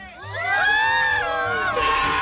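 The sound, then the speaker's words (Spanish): A loud crowd cheers and shouts together, a sustained roar of many voices with rising whoops and high yells that stays strong for about two seconds. “Me regalo una bulla bien fuerte.”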